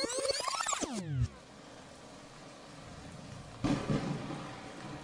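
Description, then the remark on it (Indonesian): Heavy rain hisses steadily after a brief descending tonal sweep, with a short rumble of thunder swelling near the end, moderately loud. “Wah, lagi hujan deras kayak gini, kayaknya nggak perlu pakai sunscreen deh.”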